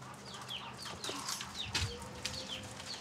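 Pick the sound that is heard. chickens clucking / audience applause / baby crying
chickens clucking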